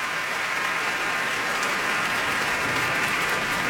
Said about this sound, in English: She's in a gown of icy blue, her hair down, Kalaf looking the warrior, in gray and brown, and they're curtsying and bowing to this cheering crowd.